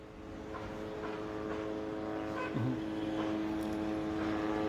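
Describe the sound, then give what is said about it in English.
A steady, droning buzz of drones hovering over the western part of Gaza City, a constant mechanical hum that holds evenly throughout, with faint background noise and no voices. “Well, let me just point out that the drones are still hovering in the area, covering the western part of Gaza City and toward the side where the residential building was attacked earlier this morning”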